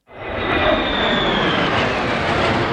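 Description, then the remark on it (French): A loud, sustained jet roar swells in quickly and holds steady, a broad rushing drone with a faint high whine, as F-16 and F-35 military fighter jets pass overhead during a military parade in Warsaw, above a crowd on a beach. No one speaks. “en voyant passer les F-16 et F-35 au-dessus de sa tête et celle de ses enfants.”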